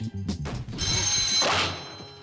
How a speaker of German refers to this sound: Das Telefon hat geklingelt. Naja, du hörst es ja.